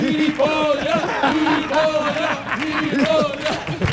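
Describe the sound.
A crowd cheers loudly and steadily in an ovation for a contestant who has won over all the coaches, with many voices shouting and whooping over one another above a dense bed of applause, holding strong for the whole few seconds.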